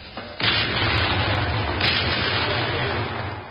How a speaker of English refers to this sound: And there you hear the 74th Medium Regiment RA firing over open sights smack into the pudding itself.